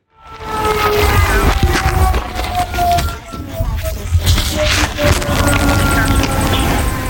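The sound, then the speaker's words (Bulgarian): A siren at Bezmer air base wails around noon in a steady, slowly falling tone for several seconds over constant outdoor rumble and wind-like noise, with no voices. “Около 12 по обед на авиобазата се чуват сирени, които продължават секунди.”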